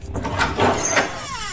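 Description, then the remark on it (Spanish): The door of a newly bought, empty, plugged-in refrigerator swings open with a drawn-out, creaky squeal, its thin wavering pitch sliding over a broad rustling scrape for about a second and a half, with no voices. “Eso digo yo, se echan de menos una cervecita fresquita y un poco de aceite lubricante en la puerta, que chirriaba como el ataúd del Conde”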